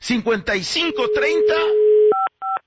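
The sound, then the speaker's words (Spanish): Two short, clear telephone keypad tones beep one after another near the end, following a stretch of talking voices over a steady low hum, as a phone number is dialed to call someone. “Vamos a marcarle”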